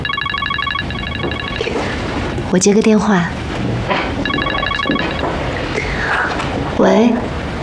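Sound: telephone ringing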